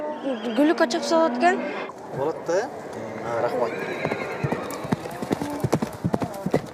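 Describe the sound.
Horse hooves clip-clop in a quick, uneven patter through the second half, following an opening stretch where a horse whinnies and voices talk.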